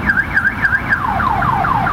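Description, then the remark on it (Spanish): A car alarm blares loudly and continuously at night for more than half an hour, its pitch warbling up and down in fast repeating chirps, then shifting into quick descending sweeps, with no voices present. “Desde hace más de media hora suena la alarma y nos siguió enviando. El carro que suena.”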